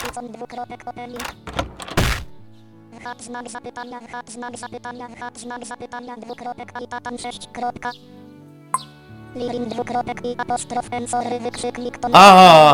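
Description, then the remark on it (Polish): A door opens with a solid thunk as people pass through, followed by a long stretch of steady tonal sound and indistinct voices, ending in a brief bright burst of noise. “O, i tu są drzwi.”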